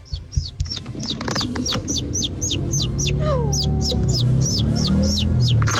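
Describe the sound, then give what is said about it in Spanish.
A person imitates a baby chick, with a long run of quick, high peeps repeating at a steady, rapid pace over a low background rumble. “mi talento oculto es hacer como pollito.”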